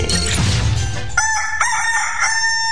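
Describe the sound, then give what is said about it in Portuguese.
A rooster crows loudly, one long drawn-out cock-a-doodle-doo with a harsh, strained tone, rising and breaking into sustained high notes before trailing off. “se o galo cantou, o Bom Dia 98 já começou”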